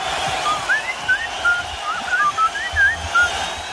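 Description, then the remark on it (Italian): A human whistling a lilting melody in short gliding phrases, fairly clear, over a steady wash of background noise with no one speaking. “È suo quel fischio famoso?”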